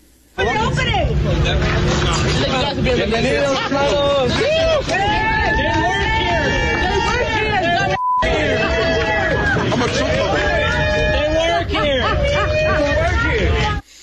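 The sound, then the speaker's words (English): A large crowd of protesters outside an ICE facility shouts and cheers loudly and continuously at people leaving the facility, many voices overlapping in a dense roar, with a brief break midway before the cheering resumes and then cuts off. “So the crowd started to cheer them, assuming they were illegal immigrants.”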